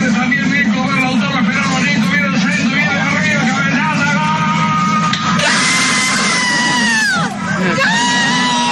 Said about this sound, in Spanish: Las señoras gritan el gol.